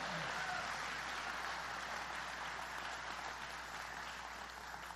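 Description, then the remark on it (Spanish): A worship audience claps together in steady, dense applause in praise of God that fills the whole stretch without a break, tapering only slightly toward the end. No one speaks over it. “Dele las palmas a Él.”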